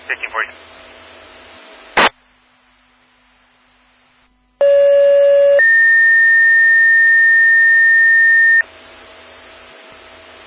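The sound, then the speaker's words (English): A loud fire dispatch tone-out over a radio in South Haven, alerting to a vehicle rollover on northbound I-196 at mile marker 15: a short steady low tone jumps to a higher, piercing tone held for about three seconds, preceded by brief static bursts and a radio squelch. “South Haven toning out our still alarm at northbound I-196, mile marker 15 for a rollover.”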